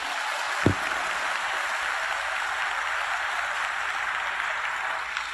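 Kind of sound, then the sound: crowd, audience applause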